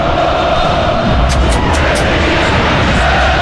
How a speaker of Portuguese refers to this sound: O tempo vai passando e o torcedor está gritando assim, ó.